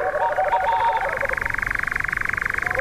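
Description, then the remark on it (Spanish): A boreal owl's pulsing call: a rapid, steady train of short notes repeating without pause at a fairly high pitch, with another voice briefly overlapping at the start. “con permiso del corzo, es ese sonido pulsante de fondo que escuchamos de atrás, que es el reclamo, la llamada del mochuelo boreal.”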